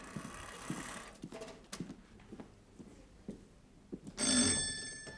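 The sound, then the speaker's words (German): A doorbell at a front door, rung by someone trying to sell a lawnmower, gives one short, bright, buzzing ring near the end, preceded by scattered soft thumps and rustling, with no one talking. “Ja, und klingeln da, sind klingeln da drauf, bitte.”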